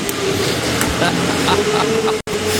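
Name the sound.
tractor engine running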